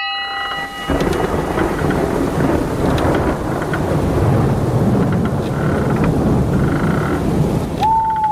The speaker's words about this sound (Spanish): Cuando llega la noche, bajo el rugir del trueno, más allá de la línea del horizonte, navega un galeón,